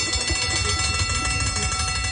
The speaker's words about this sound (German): Das ist die Feierabendglocke.